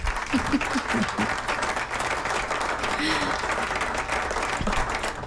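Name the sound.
applause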